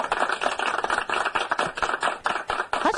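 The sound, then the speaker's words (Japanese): Steady applause from many hands, a dense crackle of overlapping claps at an even level for a few seconds, with no voices. “拍手は自前で自分の手、両手の手がもう真っ赤になるほど叩き続けるみたいな、そんな感じの音しかお送りできなかったんですが、ようやくこのように帰ってまいりました。”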